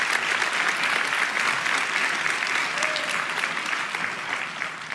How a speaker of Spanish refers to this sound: Vamos, iglesia, si va a aplaudir, hágalo con más ganas.